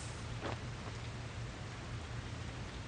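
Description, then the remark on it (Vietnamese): Steady, soft rain hisses evenly throughout, a broad wash of noise with a low rumble underneath and one brief brighter patter early on. No voices. “Tự nhiên trời mưa xuống, tôi có cảm giác như mình bị thôi miên vậy đó.”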